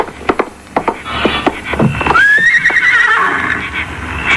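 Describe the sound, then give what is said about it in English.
Hooves clop in an uneven rhythm, then a Mexican saddle pony lets out a loud, high whinny that rises, wavers and trails off over a couple of seconds. “He's a real Mexican saddle pony.”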